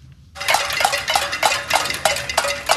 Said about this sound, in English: Hundreds marched in the streets of the capital of Havana overnight, banging pots, burning trash, and shouting, "Turn on the lights."